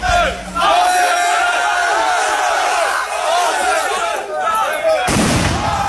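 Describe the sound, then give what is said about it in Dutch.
A large, agitated crowd shouts and chants continuously in the evening at the town hall in Rhenen, Netherlands, during unrest over a council debate on housing asylum seekers, then a single loud, sharp firework bang bursts out near the end over the commotion; fireworks smashed windows. “Bij het gemeentehuis in Rhenen, waar werd gesproken over de opvang van asielzoekers, was het gisteravond onrustig. Er zijn ruiten vernield door vuurwerk.”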